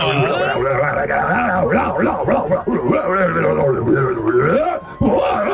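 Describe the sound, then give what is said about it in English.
On a night with a full moon, a person mimics a wolf's full moon howl: loud, wavering wails that swoop up and down in pitch for several seconds, with other voices overlapping the howling. “Can I hear a little full moon howl?”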